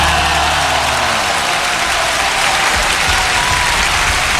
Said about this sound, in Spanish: aplauso para esa canción.